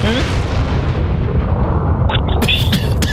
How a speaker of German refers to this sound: Na, die Airbag-Weste hat jetzt ausgelöst. Wie bitte? Ja, wallah. Das hört sich an, die hat wie eine Explosion. Na, der Airbag hat ja hinten solche Sprengstoff drin. Der ist jetzt hochgegangen, die Airbag-Weste.